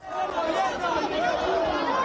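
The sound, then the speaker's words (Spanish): Steady crowd ambience in Madrid's Puerta del Sol after the official 12 October military parade: dozens of people, mostly young and carrying Spanish flags, with many overlapping voices chattering at once, a dense continuous murmur at a fairly loud, even level with no single voice standing out. “Este ha sido el sonido ambiente en la Puerta del Sol tras finalizar el desfile reglamentario del 12 de octubre.”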